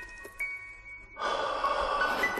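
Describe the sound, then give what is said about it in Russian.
After a moment of near-silence, a person breathes out a single long, airy breath, loud and hissy, with no talking. “Дышать лучше в шею.”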